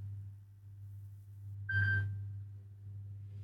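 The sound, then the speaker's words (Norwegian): A telephone gives one short, bright electronic ring lasting under half a second, heard over a steady low hum with no voices. “De ringer, hør, hvem kan det være?”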